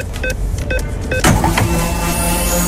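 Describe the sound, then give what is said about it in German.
A sound effect for loading the Radio Regenbogen free-fuel card during the radio programme: three short, evenly spaced electronic beeps, then a loud whoosh that settles into a steady mechanical hum with a high tone, with no talking. “Achtet gerne drauf, sobald wir die Karte mitten im Programm aufladen.”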